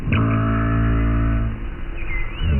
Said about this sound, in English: Yes, minke whales sound like plucked strings.